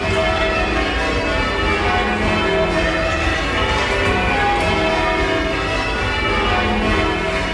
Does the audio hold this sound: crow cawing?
no